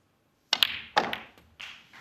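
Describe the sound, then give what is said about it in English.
A snooker cue ball cracks into the object balls, followed by a few more sharp, hollow clicks as balls collide in quick, uneven succession, crisp with no talking. “He's played it well. Does that red pot?”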